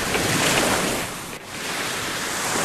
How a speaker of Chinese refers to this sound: 大海掀起了温柔的波涛，拍击着美丽的沙滩。